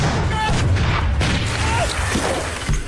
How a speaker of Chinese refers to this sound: 两声剧烈的爆炸，立刻把屋子里的鬼子炸乱了营。他们一边叫喊着，一边寻找着攻击的对象。